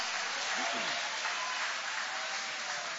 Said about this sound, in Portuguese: Pode tomar o vosso assento, guarda a sua Bíblia com carinho e pode aplaudir a Deus com alegria. Podem aplaudir, podem glorificar o nome de Jesus.